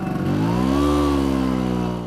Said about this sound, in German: Es ist ein vertrautes Geräusch für die Menschen in Italien. Eine knatternde Vespa, gespeist mit einer Mischung aus Öl und Benzin, die durch die Gassen braust.